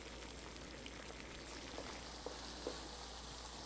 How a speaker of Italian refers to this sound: mette a cuocere in padella gli asparagi insieme alle cipolle.